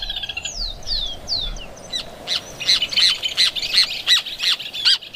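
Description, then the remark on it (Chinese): Loud calls of a pair of nest-building weaver birds at their finished clay nest: three descending whistled notes, then a quick, even series of about eight harsh, high squawks over a low background hum, with no talking. “这座建筑的落成典礼在响亮的鸟鸣声中宣告开始。”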